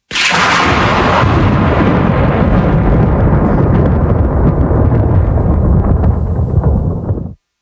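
A loud thunderclap cracks sharply and then rolls into a heavy, sustained rumble lasting several seconds before cutting off abruptly, with no voices.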